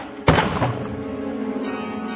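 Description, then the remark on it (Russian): An expensive clock smashes with one sharp, heavy crash, then its chimes keep ringing in a sustained metallic hum that slowly fades. No one speaks. “Дребезги. Разбить такую дорогую вещь.”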